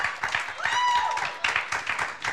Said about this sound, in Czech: Potlesk prosím za to, že přihlásili svoji písničku.